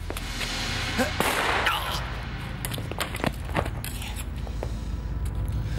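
A single loud gunshot cracks out, a broad blast with a short ringing tail, followed by scattered footsteps and small knocks against a low, steady background rumble.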